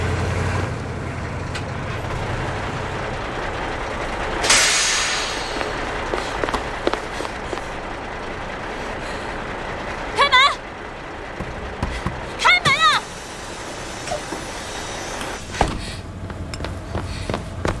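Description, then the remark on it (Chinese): A coach bus rumbles steadily and pulls away, with a sharp airy hiss early on. People shout loudly over the engine a couple of times. “是，是我们的大巴。”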